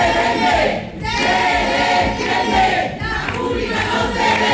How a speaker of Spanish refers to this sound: el rector Francisco Oliva, quien no ha logrado convencer a los estudiantes de que dejaran proseguir el discurso del consejero de Universidad, Jorge Paradela, a quien han gritado consignas en favor de la universidad pública.